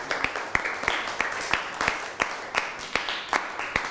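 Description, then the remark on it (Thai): A group of students in a classroom clapping for a classmate who has just answered, together in a steady, fairly even rhythm of sharp claps, with a soft wash of scattered extra claps and faint background chatter underneath. “นั่งลงได้ครับปรบมือให้เพื่อนหน่อย”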